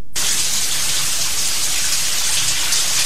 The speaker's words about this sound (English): It's raining. It's not. It's a shower. Oh, it's a shower scene.